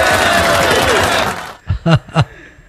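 Applause for a participant who guessed correctly: dense clapping and crowd noise fill the first second and a half, then stop abruptly, leaving three short voiced bursts like brief chuckles.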